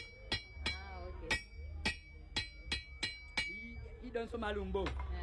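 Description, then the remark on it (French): Two people hammer on scrap metal, one with a bigger hammer and one with a smaller hammer, in a steady run of about nine sharp, ringing, loud strikes, followed by voices talking over a few last knocks. “Tous les deux dimons sont sortis à la ferraille. Elle avec un plus gros marteau, elle avec un plus petit marteau.”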